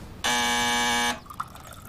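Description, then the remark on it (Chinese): A loud electric doorbell buzz sounds once, a steady harsh drone lasting nearly a second before cutting off abruptly, followed by quiet. “谁呀？ 我去开门。”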